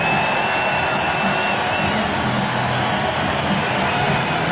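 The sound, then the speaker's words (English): A baseball stadium crowd gives a standing ovation for Brewers pitcher Jacob Mizorowski as his night ends after 6 1/3 innings, cheering in a loud, steady, unbroken roar that holds for several seconds with no talking over it. “A standing ovation for their superstar hurler, Jacob Mizorowski.”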